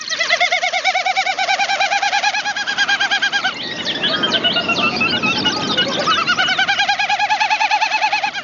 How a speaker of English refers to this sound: And a Wilson snipe.